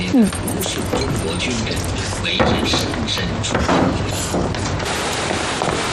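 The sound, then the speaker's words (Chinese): A home's door swings shut with a solid thump as people leave, followed by a couple of smaller knocks and rattles, while people talk. “嗯， 关好门啊。”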